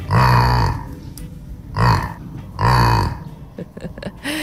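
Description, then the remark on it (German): A cow named Lissy, kept on a farm, grunts three times in low, throaty bursts. The first and last grunts are long and the middle one is short, and they are followed by a few soft shuffling noises. “hat uns dieses niedliche Grunzen hier von ihrem Jack Lissy geschickt.”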